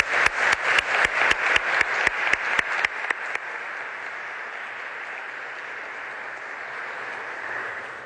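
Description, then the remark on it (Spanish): An audience applauds Dr. Filomeno Aguilar after his lecture at the 39th University Book Fair in Manila: a run of sharp, evenly spaced claps stands out at first, then settles into a steady, moderately loud wash of applause for several seconds. No one speaks. “Yo quiero que le brindemos un fuerte aplauso al doctor Filomeno Aguilar.”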